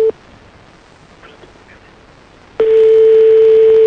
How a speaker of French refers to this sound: on va appeler Maxime, on va essayer de tomber sur sa messagerie